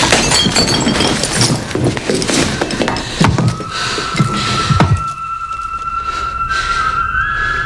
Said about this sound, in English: Just so we're clear, gonna stay down until that bottle shatters now.